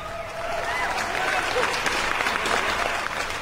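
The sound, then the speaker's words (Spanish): Loud, dense applause swells in after a brief quiet moment and holds steady, a continuous wash of many hands clapping at once with a few faint voices mixed in. “Para los que trabajamos de lunes a viernes, para los que descansan entre semana, ese aplausote también bien fuerte.”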